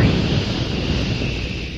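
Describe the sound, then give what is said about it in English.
A loud, steady rushing hiss of a jet of spraying moisture, like a pressurized jet, in an advertisement for Raleigh 903 cigarettes, holding at an even level for under two seconds with no voices over it. “That jet of fresh, pure moisture stands for the new, all-new Raleigh 903 cigarette.”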